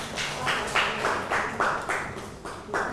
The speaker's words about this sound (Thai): ปรบมือให้กับทั้ง4กลุ่มที่นำเสนอผ่านไปนะครับ